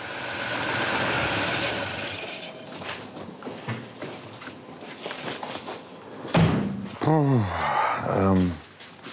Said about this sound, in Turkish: Su pompasının tıkırtısını duyabilirsin. O zaman uzun süre çalıştırmayalım.